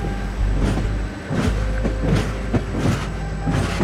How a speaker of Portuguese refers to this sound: Por isso, às 8 da noite de 25 de novembro de 1966, Armanda Palhota senta-se no Lusitânia Expresso, o comboio que a vai levar de Lisboa até Madrid, para depois seguir de avião para Havana.